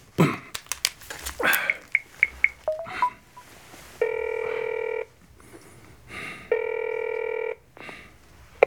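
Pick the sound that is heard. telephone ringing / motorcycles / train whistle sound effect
telephone ringing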